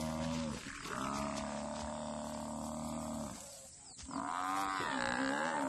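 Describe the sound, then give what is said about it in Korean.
Loud, drawn-out bellowing cries from a buffalo crying out as three lionesses attack and bring it down, two long harmonic wails separated by a brief pause, strained, with no talking over them. “모래미가 목을 물어 울음소리를 잠재우고 질식시킵니다.”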